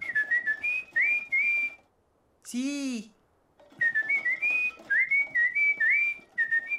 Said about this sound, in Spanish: Me encanta silbar, de verdad me encanta. Entre más lo hago, mucho más me gusta.